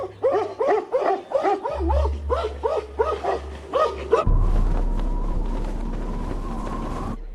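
Stray dogs in Xianggu village bark furiously at a brown bear as it leaves after eating from a food bucket, a rapid, steady run of about ten loud barks over four seconds, then the barking stops and a steady mechanical drone with a faint hum takes over.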